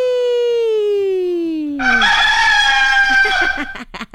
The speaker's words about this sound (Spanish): Bueno, pues vamos a poner este gallito, pero creo que don Octavio decía, ¡kikiriki!